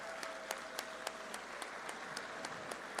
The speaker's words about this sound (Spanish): Vamos a darles un aplauso.